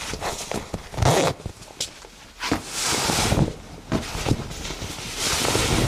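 Busy rustling of clothing as a person undresses for a phone body scan, with quick zipper rasps and fabric swishes in bursts, plus a few soft thumps and shuffling steps; no one speaks.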